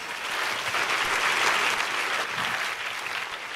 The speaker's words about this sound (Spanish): Si ese es el aplauso, si ese es el aplauso.